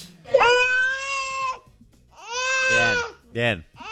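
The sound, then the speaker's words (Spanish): A baby cries in three loud, wailing bursts: a long sustained wail, a second rising-and-falling one, then a short sharp sob, clear with no talking. “Esa es la opinión de los bebés.”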